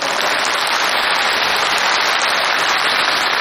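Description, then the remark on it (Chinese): A dense, steady wash of audience applause at a xiangsheng (Chinese crosstalk comedy) performance fills the whole stretch, many hands clapping at once into an even, hissing roar with no individual claps standing out and no voices. “您各位是先鼓掌后欣赏。”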